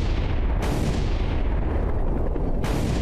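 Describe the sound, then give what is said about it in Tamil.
Loud explosions of bombs planted underground all over an island rumble continuously with deep, heavy booms as the whole island blows up, and two sharper blasts burst out over the roar, one early and one near the end; no one speaks. “அங்க பாருங்க, மொத்த தீவும் வெடிக்க ஆரம்பிக்குது.”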